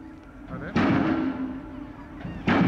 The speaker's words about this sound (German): Dafür müssen sie in den Boden gerammt werden, 26 Meter tief. Das braucht Kraft, die per Öldruck aufgebaut wird. Dieser Hydraulikhammer gibt einen Schlagimpuls von sage und schreibe 10 Tonnen ab.